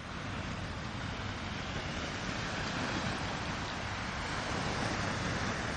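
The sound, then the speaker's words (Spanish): A steady, full roar of sea surf with no voices, the rushing wash holding an even loudness throughout rather than rising and falling as separate breaking waves. “Me temo que Madrid, como isla, como que no es, como que mar no tiene, así que la saludamos con un poquito de mar”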